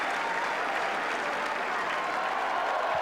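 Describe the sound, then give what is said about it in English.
A large tennis crowd on Centre Court applauds and cheers in unison after player Arthur Ferry waves his arms for more noise during his match against Dimitrov, a dense unbroken roar of clapping that holds steady and loud for three seconds, with no separate voices standing out. “He wants to hear a bit more from the crowd. And they respond in unison.”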